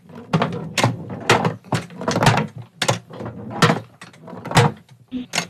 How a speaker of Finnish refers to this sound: Haluatko kuulla, kun mä kolistelen sitä tuolla laatikossa? Haluan. Asia selvä. Haluatko reippaat, rauhalliset vai peräti pompottelut? Reippaat. Reippaat kolistelut.